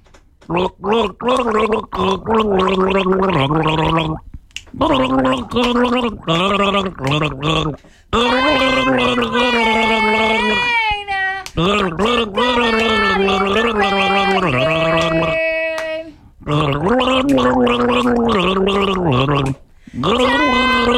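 Someone gargles water in their mouth while humming a melody, producing a bubbly, wavering tone with rising and falling pitch in several long phrases broken by short pauses.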